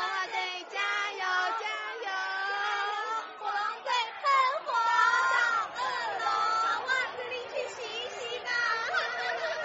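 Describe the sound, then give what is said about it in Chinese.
A crowd of baseball spectators who came from various places cheering and shouting around both sides of home plate at a makeshift baseball field on a grassland, many overlapping high, excited voices calling out continuously, fairly loud with rises and dips throughout. “美丽的大草原上，临时搭建出来的棒球场四周越来越热闹了，从各地赶来的观众围绕在本垒板的两边，各式各样的加油声都有。”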